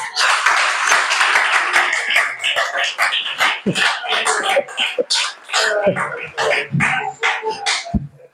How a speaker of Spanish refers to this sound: Dale ese aplauso, Señor.